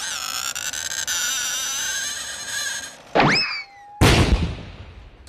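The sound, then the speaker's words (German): A singing saw, the blade of a large handsaw (Fuchsschwanz) bent and stroked with a violin bow, holds a long, eerie, wavering tone, then bends into a springy boing-like swoop before a sudden noisy clatter cuts in. “große Säge, ein Fuchsschwanz, und da wird ein Sägeblatt so gebogen und dann streicht man mit einem Geigenbogen drüber.”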